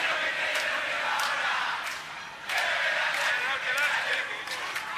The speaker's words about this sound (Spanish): Aplausos. Gracias, muchísimas gracias.